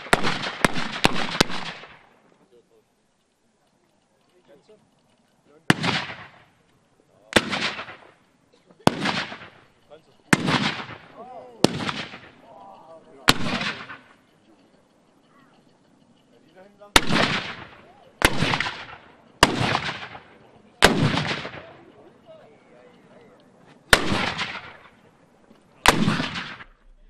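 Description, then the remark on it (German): Loud, booming black powder cannon shots fired one after another in irregular bursts at a cannon demonstration with over 50 cannons, about a dozen blasts with short echoing decays and quiet gaps between volleys, with faint voices in the background. “Die gesamte Vorführung dauerte eine Stunde und war verbunden mit gewaltigen Schussgeräuschen.”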